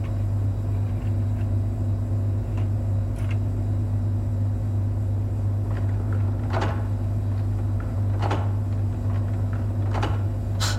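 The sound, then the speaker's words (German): A printing press drones steadily with a deep, loud hum, punctuated every couple of seconds by irregular mechanical clunks and clacks, with no voices. “Lass uns noch warten, bis die Druckmaschine läuft.”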